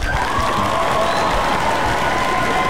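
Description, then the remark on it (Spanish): Steady applause from a crowd fills the whole moment, dense clapping with some cheering and a faint whistle-like tone running underneath, loud and continuous without any speech. “A ver, y ahí te va, porque aunque hay aplauso y todo, los saludos siguen en tu conexión, siguen llegando mensajes.”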